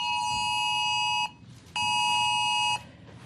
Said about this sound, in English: On Monday, every mobile phone in Australia is expected to hear the same warning sound. It's a test for a new national emergency alert system called AusAlert.